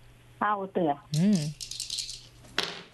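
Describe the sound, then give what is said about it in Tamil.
A few short sung-out vocal sounds, then game dice rattle and clatter briefly for about a second, ending with a sharper knock as they land; the dice are rolled for a game of thaayam on the Pothigai Thumbi TV game show. “தாயம் உருட்டிடலாமா?”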